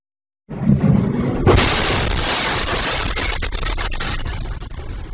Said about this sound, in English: That is life in the Ukrainian capital, an explosion rocking Kyiv as Russia continues to hammer the Ukrainian capital with airstrikes.